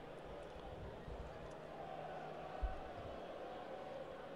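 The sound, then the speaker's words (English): A baseball stadium crowd in the upper deck near the right field foul pole keeps up a steady, dense roar of many voices, loud and continuous throughout, with one brief low thump partway through. “The crowd in the upper right field is rowdier than they were last night.”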